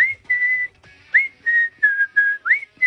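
A clear, close whistled melody of about seven sustained notes, some sliding upward, in a steady tuneful rhythm with brief pauses between phrases and no voices.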